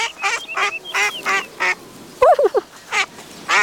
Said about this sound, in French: Tout doux se promène tranquillement, le nez au vent, quand il entend... Tiens, des canards. Devant lui, Tout doux voit une grande mare avec des canards.